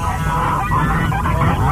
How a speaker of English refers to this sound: WCDB Albany, geese and ducks.